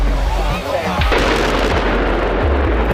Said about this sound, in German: Das war ein riesiger Schornstein im ehemaligen Kohlekraftwerk Frimmersdorf. Der Energiekonzern RWE hat ihn gesprengt. Er war mit 200 Metern fast so hoch wie der Rheinturm in Düsseldorf. Das Kohlekraftwerk in Frimmersdorf war mal das größte der Welt.